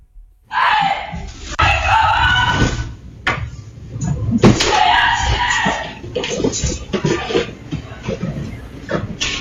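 A woman screams in panic on realizing intruders are in her home during a break-in, in a video she posted on social media. The screams are loud, long strained cries repeated across several seconds, with harsh breaks between them and some rough background noise.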